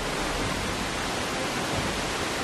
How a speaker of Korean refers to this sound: 폭포가 뿌리는 물방울을 맞으며 조금 더 가까이 다가가 봅니다. 멍하니 보고 있으면 빨려 들어갈 것 같아요. 와, 물불어. 휘몰아치는 폭포의 숨결에 몸을 맡기는 사람들.